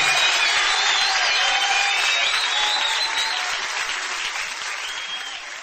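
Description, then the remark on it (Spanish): A large audience breaks into loud, sustained applause for the Lord, a dense wash of clapping that fills the whole stretch and tapers off slightly toward the end, with a few faint cheers mixed in. “Señor, dale un fuerte aplauso en esta hora.”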